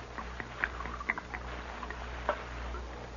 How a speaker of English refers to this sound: Here's the jug, Mr. Hantry, and I brought you a cup, too. Pour me some.